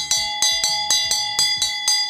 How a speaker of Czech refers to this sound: A přesně tenhle zvuk, tenhle zvonek uslyšíte ve zdejší čarodějnické škole, mimo jiné samozřejmě.